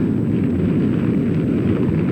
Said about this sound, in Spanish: Proteo detenía momentáneamente su carrera al escuchar la brutal explosión de la gran E